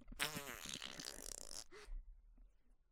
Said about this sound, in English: Okay, so I pooped and I farted, so y'all like that?